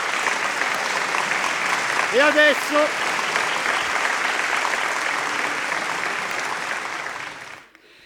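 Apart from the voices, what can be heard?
audience applause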